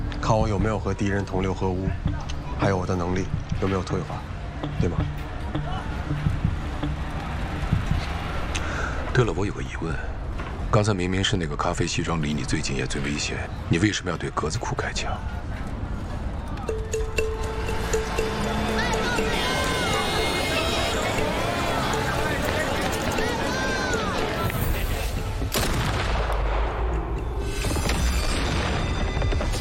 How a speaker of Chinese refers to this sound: 咖啡西装，拿的是勃朗宁夸口路子手枪，装弹量7发，枪声略发闷，但我刚刚听到了7声枪响，所以他的枪里没有子弹。